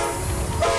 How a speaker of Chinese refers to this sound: 这是中欧班列出发的声音，河北制造，正沿着一带一路送到全世界的货架上。